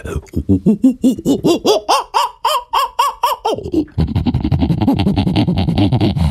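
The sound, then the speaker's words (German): A person vocally imitates an agitated prosimian: a rapid, rhythmic run of about a dozen loud, arching squawks, then a harsher, buzzy, continuous chattering that holds steady to the end. “Kannst du einen Halbaffen nachmachen?”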